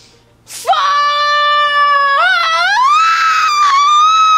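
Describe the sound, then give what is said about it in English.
A person lets out one long, loud scream, acting out a bungee-jump scream, held for about four seconds with a wavering pitch that climbs near the end. “What did you scream?”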